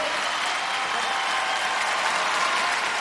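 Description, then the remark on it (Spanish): An audience claps steadily to welcome the first guest of the night, at 1:28 a.m., a dense wash of many hands with no break or rhythm, fairly loud and sustained for the whole few seconds, with no voices standing out. “Yo quiero que usted reciba con un fuerte aplauso en esta noche a nuestro primer invitado.”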